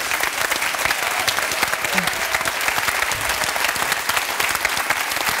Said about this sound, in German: Und du hast vor kurzem Geburtstag, Und ich finde, wir dürfen dir nach München einen extra Applaus schicken, wenn du erlaubst.